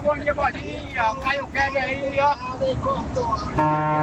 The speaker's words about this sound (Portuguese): E aí, vai, mais uma buzina! Mais uma buzina do Brasil! É, essa buzina aqui a gente já conhece já, né?